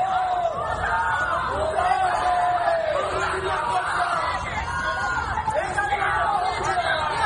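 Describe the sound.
A crowd in Ceuta shouts angrily in unison, repeated rhythmic yelled chants of "traidor" (traitor) rising and falling over a dense, loud background of agitated voices, greeting Spanish Interior Minister Fernando Grande-Marlaska on his visit.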